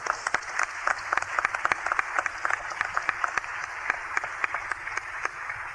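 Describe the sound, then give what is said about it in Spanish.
An audience applauds the Lord after a Bible reading, many hands clapping steadily in a dense, sustained patter with sharper individual claps standing out, no voices over it. “Démosle un aplauso al Señor por su palabra.”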